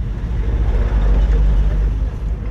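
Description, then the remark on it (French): A steady, deep rumble of engine and road noise from inside a moving car, the car of Father Gardi Maisonneuve, director of the humanitarian organization Karl Levec, driving to Solino in Port-au-Prince, Haiti. It is loud and continuous throughout with a constant low drone and no distinct separate events. “Nous sommes dans la voiture du père Gardi Maisonneuve, directeur de l'organisation humanitaire Karl Levec.”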